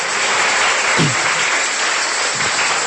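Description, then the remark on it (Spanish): An audience applauds steadily for the King of Kings, Lord of Lords, a dense, continuous wash of clapping with a faint voice or shout rising briefly in the middle of the sustained applause. “Denle un fuerte aplauso una vez más al Rey de Reyes, Señor de Señores.”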